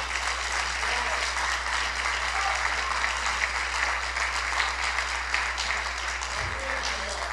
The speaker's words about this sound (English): Now, if you believe that, if you understand that, I need you to clap your hands for God.